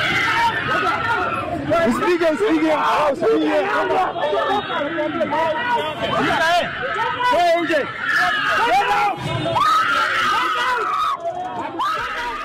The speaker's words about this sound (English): Kenya was in shock after a viral video of a young woman allegedly involved in an accident with one of the bodaboda riders on Wangari Maathai Road in Nairobi was violated by a crowd of the bodaboda riders who followed her car, shouting, "Come out!"